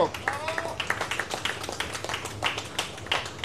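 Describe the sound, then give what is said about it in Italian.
An audience claps steadily for a few seconds for the winner of a competition, who won by less than two tenths, sharp hand claps overlapping in a fairly even rhythm over a low background hum, with indistinct voices mixed in. “vince per neanche due decimi, un grande applauso!”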